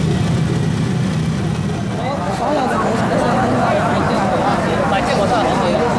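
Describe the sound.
A steady drone of morning rush-hour traffic engines rumbles continuously and loudly as a mother rides her bike through the traffic to a new shop, with a person's voice speaking over the busy street noise.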